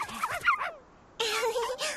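High, wavering little yips and whimpers from young puppies belonging to a royal dog trainer in Stockholm, in a quick cluster, a short pause, then a longer stretch of excited whining.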